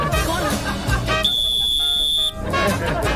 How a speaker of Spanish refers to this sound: Pero a las 8, ahora comenzó el partido. Comenzó el partido. Pitazo inicial.